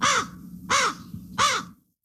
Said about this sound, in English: is the distinctive call of the crow. The black-feathered bird can sometimes be considered a nuisance, either for their calls or the mess they can make.